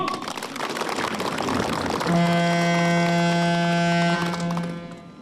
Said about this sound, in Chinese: 随着启动指令的下达，载货船舶鸣笛